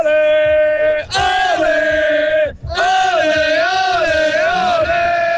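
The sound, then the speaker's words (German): A loud crowd of fans roars and cheers in sustained, wavering shouts, with whoops rising above the din, briefly dipping twice before surging again. “Wir hören da auch ein bisschen rein, wenn es tönt, wenn du jubelst.”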